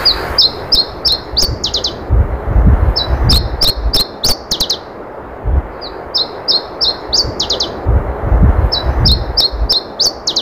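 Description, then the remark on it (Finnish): Iberian chiffchaff song in Finland, a very rare sighting: three clear bursts of quick, high repeated notes, each phrase accelerating into a brief trill, separated by pauses over a low, steady background rumble. “Täältä kuulostaa Iberian tiltaltti.”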